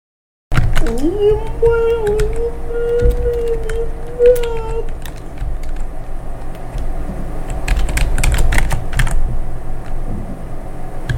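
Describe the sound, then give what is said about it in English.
Rapid, irregular clatter of fingers typing on a computer keyboard, fairly loud, continuing throughout, with a wavering tonal hum underneath during the first few seconds. “And I do hope the cameras aren't on the keyboard too well there.”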